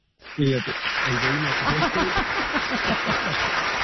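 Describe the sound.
An applause sound effect played on the TV show Buenos Días América to mark a baptism, a dense, crackling wash of applause that starts abruptly and holds steady throughout, with voices calling out over it.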